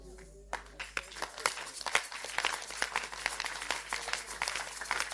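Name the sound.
audience clapping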